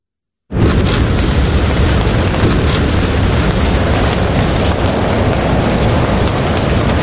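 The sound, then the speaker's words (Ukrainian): After a brief silence, heavy artillery fire from neighbouring units on the front erupts into a loud, continuous low rumble, the booms running together into a steady roar that holds to the end with no voices. “Суміжники гатять.”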